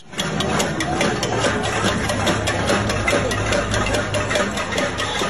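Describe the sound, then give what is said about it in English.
Protesters in the streets of Cuba bang pots and pans over the energy crisis and fuel shortages, a steady, dense clatter of metallic hits, bright and ringing, overlapping continuously and loudly throughout with a low rumble beneath and no clear voices. “That's the sound of protesters hitting pots and pans there in the streets.”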